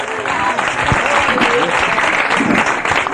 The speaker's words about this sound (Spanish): Por eso es bueno estar a la derecha. Denle fuerte ese aplauso al Señor esta tarde.